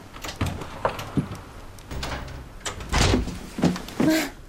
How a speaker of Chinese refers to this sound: 快快快，不行了，你慢点开门，快上门后边。